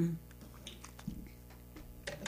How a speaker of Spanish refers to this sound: Estoy tomando poquita agua y gloria al Señor.